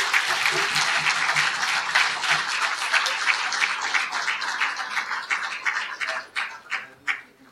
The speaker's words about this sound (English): So please welcome Professor Ilan Pappe on his address on The Promised Land as Political Project, Deconstructing the Myth of the Greater Israel Vision. Ladies and gentlemen, round of applause for Professor Ilan.